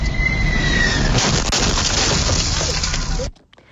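Truck dash cam recording: a loud, steady roar of rushing wind and engine noise, broken by a sharp thud as the wheels of landing United Airlines Flight 169, a Boeing 767, strike the cab of a Baker's Express bakery tractor trailer on the New Jersey Turnpike near Newark Liberty International Airport. The noise then cuts off abruptly.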